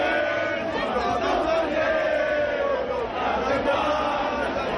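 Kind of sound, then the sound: crowd, crowd chanting a song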